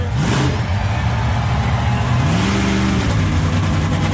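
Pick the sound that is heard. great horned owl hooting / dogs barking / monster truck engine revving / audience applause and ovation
monster truck engine revving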